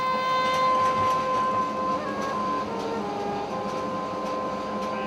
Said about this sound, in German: Die Oldtimer-Lok von 1922 hat 4 Wagen am Haken. Aber mit Hochspannung und 940 Pferdestärken genügend Kraft für eine rasante Fahrt. Im Stil der Belle Époque.